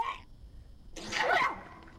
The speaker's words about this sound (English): Can you hear that? Yeah. Listen, I'm sniffling and I'm not really awake and I'm taking echinacea and vitamin C.